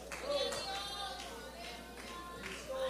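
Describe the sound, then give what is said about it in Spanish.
An audience claps steadily as an offering of applause to the Lord during an evening church service, a dense wash of overlapping hand claps that holds at a fairly even level, with voices speaking or calling out over the applause. “Gloria sea al Señor, dele ofrenda de palmas al Señor en esta noche.”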